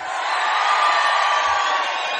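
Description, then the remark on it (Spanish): A small crowd of River football fans in an audience shouts and cheers together in one loud, steady roar of mixed voices that carries unbroken from start to finish, with no single speaker standing out. “Son poquitos, pero gritones los de River, ¿eh?”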